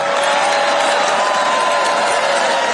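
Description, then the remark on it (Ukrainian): A crowd of the president's supporters claps steadily for a few seconds after his promise of a $5,000 dividend to every adult citizen, a dense, even wash of applause with faint murmuring mixed in, polite and subdued rather than rousing. “Заманливу обіцянку президента його ж прихильники зустріли доволі стриманими оплесками.”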